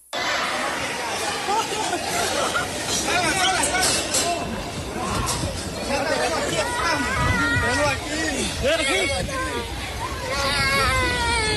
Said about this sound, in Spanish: porque a lo mejor se sacan de onda los de radio cuando escuchan nada más gritos y movimientos. Es lo del temblor de Panamá.